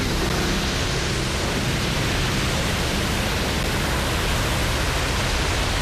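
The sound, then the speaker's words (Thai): A tsunami wave, twice as high as the power plant's seawall, strikes a power plant at 15:35. It rushes in as a loud, unbroken roar of churning water, steady and dense from start to finish, with no voices or distinct breaks in the torrent. “เวลา 15:35 นาทีคลื่นยักษ์ได้เข้าปะทะมันสูงกว่ากำแพงกั้นของโรงไฟฟ้าถึง2เท่า”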